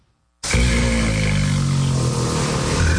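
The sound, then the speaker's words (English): Four Bengal tiger cubs growl loudly while playing at the national zoo in Havana, Cuba, a rough, rumbling snarl that bursts in after a moment of silence and continues without a break to the end. “Four Bengal tiger cubs playing in the zoo in Havana is a small miracle on an island stifled by fuel shortages, medicine and power outages.”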